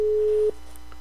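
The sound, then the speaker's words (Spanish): After a number is dialed, a single steady, low electronic telephone ringing tone sounds over the line for about half a second, then cuts off, leaving a faint hiss and hum with no one talking. “3 tonos. Si no, no contestan, nos vamos.”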